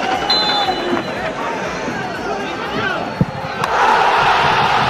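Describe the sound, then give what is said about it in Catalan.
A large football crowd at the new Creu Alta stadium roars after Urri's 89th-minute penalty goal for Sabadell in a 3-2 win over Córdoba: a dense, sustained wall of cheering and shouting, with a sharp thud midway and the noise swelling even louder toward the end. “Tres a dos ahir contra el Córdoba amb un gol de penal d'Urri al minut 89 i que va fer esclatar, com escolteu, d'eufòria la nova Creu Alta.”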